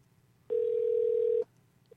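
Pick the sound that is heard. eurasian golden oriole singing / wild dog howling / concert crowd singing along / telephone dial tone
telephone dial tone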